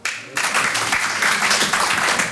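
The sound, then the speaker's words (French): At a comedy show, after a brief quiet moment, audience applause breaks out suddenly as the fathers present answer the comedian's call to clap, carrying on as a dense, steady wash of clapping, fairly loud and sustained to the end. “Il y a des papas par applaudissement?”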